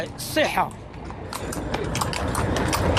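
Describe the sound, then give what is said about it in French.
Horse hooves clip-clop on a hard street amid busy outdoor background noise, where dozens of horses wait with horse-drawn carriages to carry visitors; a voice is briefly heard early on, and the hoofbeats are irregular. “Quelques mètres plus loin, des dizaines de chevaux attendent pour transporter les visiteurs.”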